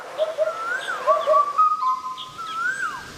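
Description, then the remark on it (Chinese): An Asian koel sings among branches in spring in Yangxian, a string of clear, rising whistled notes repeated in quick succession, with a soft outdoor hush behind and no voices. “皂娟在枝间鸣唱，阳羡大地春意渐浓。”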